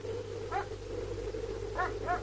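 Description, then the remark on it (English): Police dogs bark: one short bark, then after a pause two more in quick succession, over a steady low hum. “Dogs? Police dogs?”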